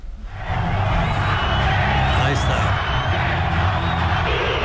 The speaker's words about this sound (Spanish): Ahí está. El abucheo. Y el grito era ascenso, ascenso, ascenso. Y bueno, lo que sucede aquí es que no va a ser el primero ni el último que se va a llevar Miquel Arreola, porque él es el que da la cara